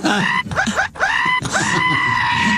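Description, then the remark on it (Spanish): A voice imitates a scream of pain: loud, strained wailing cries, split into two or three bursts with brief breaks between them and rising and falling in pitch, almost like a bleating animal. “¿Cómo grita?”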